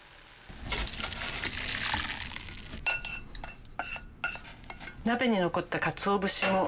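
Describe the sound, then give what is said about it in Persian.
Dashi broth pours steadily through a strainer set over a bowl, a rushing splash for a couple of seconds, followed by sharp clinks and clatter of metal and dishes being handled. “حدود 1 دقیقه بگذارید بجوشه و سپس داشی رو در یک آبکش که روی یک کاسه قرار گرفته خالی کنید.”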